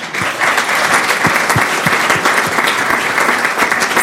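Steady audience applause, a dense wash of many hands clapping at an even loudness throughout, with individual claps popping out of the texture and no voices on top.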